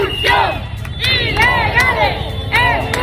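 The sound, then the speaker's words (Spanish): A large street crowd with Spanish flags in Ceuta shouts slogans at other citizens of the city, such as "don't look at us, join us", in rhythmic bursts, many voices chanting together over a steady roar of background noise, with a few sharp claps or bangs between the shouts. “Ahora mismo aquí todo el mundo está gritando consignas al resto de ciudadanos ceutíes.”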